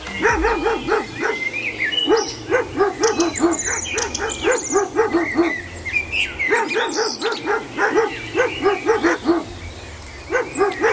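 Dogs bark in quick, pitched bursts that trace a catchy song melody, repeating rhythmic phrases over about eleven seconds, with bright chirpy overtones and a steady backing beat underneath.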